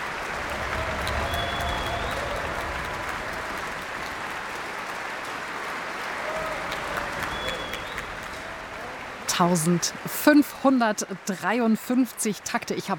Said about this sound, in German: Jetzt gibt es noch einmal viel Applaus für die Bläser und besonders für das Hornsolo.